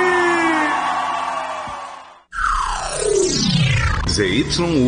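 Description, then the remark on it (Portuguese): A sustained, droning vocal tone cuts to a brief silence, then a loud, drawn-out scream erupts, sliding steadily downward in pitch and ending in a wavering, echoing cry. “quero ouvir um grito bem forte.”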